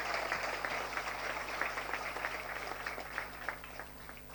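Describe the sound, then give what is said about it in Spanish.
An audience claps steadily for the president in encouragement, a dense patter of many overlapping hand claps at an even, moderate loudness with no voices on top. “así que te animamos con un fuerte aplauso, la ruta del arroz, que sea posible.”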